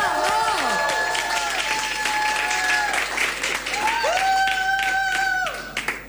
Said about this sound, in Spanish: ¡Un aplauso inmenso para la señorita Flor Peña!